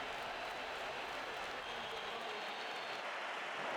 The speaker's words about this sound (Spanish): Algunos pitos, pero mayoría de aplausos en San Mamés a sus 3 campeones mundiales con España. Cuando han aparecido con la Copa del Mundo, un sector de la grada ha silbado, pero más han aplaudido.